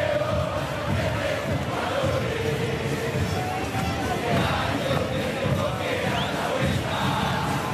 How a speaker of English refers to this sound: An incredible atmosphere. There's singing, chanting, vendors selling Lionel Messi jerseys and food trucks with traditional cuisine, a way for fans to connect before the big game.